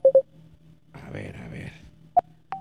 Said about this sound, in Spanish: estoy buscándole en el WhatsApp. Aquí está. Ahí está, llamándole al WhatsApp.